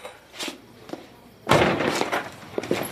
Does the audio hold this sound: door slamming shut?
yes